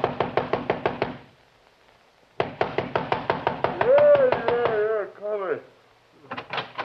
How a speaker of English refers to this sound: But I did get the address of the driver who worked nights there, and 10 minutes later, I was pounding on his door.